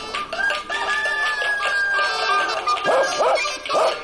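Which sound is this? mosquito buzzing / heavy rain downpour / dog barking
dog barking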